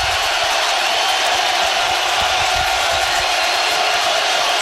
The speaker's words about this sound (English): Yeah, it's going to make it louder. Listen to this crowd. This is unbelievable.